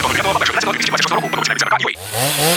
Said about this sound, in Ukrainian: Пилу берем і дриль берем